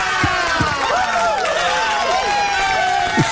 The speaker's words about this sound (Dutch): En wil jij ook applaus?